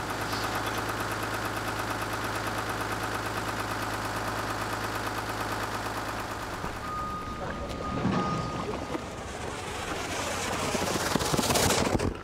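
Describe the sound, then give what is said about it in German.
A tank fire engine runs with a steady, loud mechanical drone and pump hum, its engine building pressure to pump water from its 9000-litre tank as artificial rain onto cars for a TV shoot, then shifts into a rougher, more turbulent rushing and rattling in the second half as water pressure builds. “Deshalb hat Peter Wiemker das Tanklöschfahrzeug gebucht. Über den Motor können sie Druck aufbauen und variieren.”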